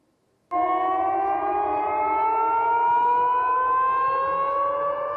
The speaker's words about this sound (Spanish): En Belgorod, las sirenas antiaéreas se han vuelto tan familiares como las campanas de las iglesias.